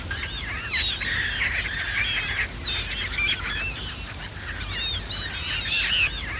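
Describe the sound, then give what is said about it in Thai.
A busy flock of migratory ducks squawks and honks nonstop on a pond at the Mai Po wildlife reserve in Hong Kong, managed by WWF Hong Kong. Many overlapping calls sound over a low rumbling background, with no one speaking. “บึงน้ำด้านหลังเป็นที่อาศัยของเป็ดน้ำย้ายถิ่นมากมายที่ดูได้อย่างใกล้ชิด”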